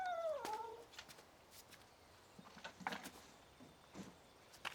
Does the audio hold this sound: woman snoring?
no